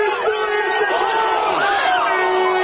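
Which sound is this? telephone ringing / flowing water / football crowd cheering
football crowd cheering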